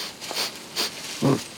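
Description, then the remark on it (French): A koala sniffs at a new eucalyptus leaf: two short, airy sniffs about half a second apart, then a brief low snort, fairly quiet with no talking. “Il repère une nouvelle feuille, la renifle.”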